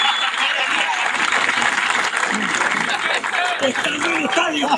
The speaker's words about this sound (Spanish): Más fuerte el aplauso